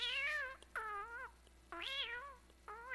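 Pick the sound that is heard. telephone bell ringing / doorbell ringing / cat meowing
cat meowing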